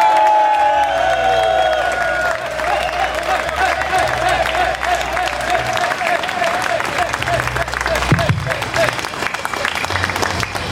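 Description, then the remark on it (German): Loud, sustained applause from a large crowd at the Heinerfest in the Heinergarten, Darmstadt, welcoming the Heinerfest president on stage: dense clapping filling the whole stretch with scattered cheers and whoops, holding steady in volume throughout with a low hum underneath. “Bitte begrüßt mit einem tosenden und kaum enden wollenden Applaus meinen sehr geschätzten Bühnenpartner und Heinerfestpräsidenten”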